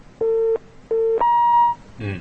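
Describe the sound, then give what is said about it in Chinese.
A telephone busy tone after a caller's line dropped during a call-in program: two short, steady electronic beeps with a brief gap, then a longer, higher tone, heard clearly over a phone line before a voice begins at the very end. “这朋友电话掉线了是吧？”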